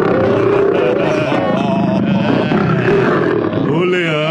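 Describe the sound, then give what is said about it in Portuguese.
A person growls out a long, loud imitation of a lion's roar, rough and sustained for several seconds, wavering in pitch toward the end. “O leão ali na jaula. A jaula com o leão.”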